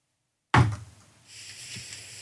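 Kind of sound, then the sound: impact, knocking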